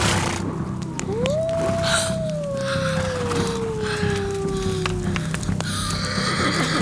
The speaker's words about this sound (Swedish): Lugn. Vargar. En hel flock.